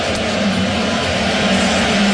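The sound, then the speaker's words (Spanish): A large baseball stadium home crowd boos Will, who is shown on the scoreboard, in a loud, continuous, low-pitched roar that holds steady for about two seconds, with no individual voices standing out. “Ese abucheo fue contra Will, contra el que lo enfocaron en la pizarra.”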